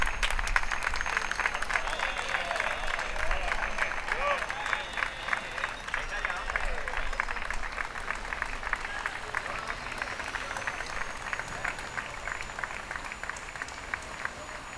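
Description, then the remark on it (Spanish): Sustained applause from a sizable crowd as a fence that separated Spain and Gibraltar for nearly a century is removed, dense overlapping claps holding steady for the whole stretch, with a murmur of voices mixed in underneath. “Aplausos para retirar una verja que ha estado décadas, prácticamente un siglo, separando ambas partes.”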